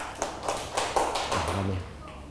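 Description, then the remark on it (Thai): A group of children in a classroom clap briefly for a classmate after a picture-card and word-card sorting activity, a quick scatter of overlapping claps at moderate volume while voices murmur underneath. “ขอบคุณมากลูกปรบมือกับเพื่อนหน่อยครับ”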